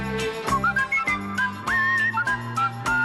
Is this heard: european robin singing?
no